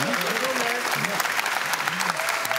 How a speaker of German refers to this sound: Da hat er jetzt mal eine Frage falsch gemacht, da können Sie ruhig mal klatschen.